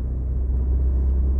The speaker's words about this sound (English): Emissions regulations, etc., are so stringent now that getting a car to sound good is really, really difficult now. And I have to say, Volkswagen have definitely not made this car sound like a proper Golf R.